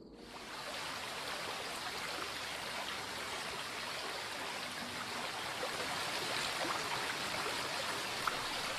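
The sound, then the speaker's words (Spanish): The Cinca, a mountain river fed by waters coming down from the Barrosa, rushes steadily, its broad, hissing roar of flowing water continuous, with no voices over it. “El río Cinca recibe las aguas que bajan del Barrosa y se convierte en la arteria principal de este conjunto de valles”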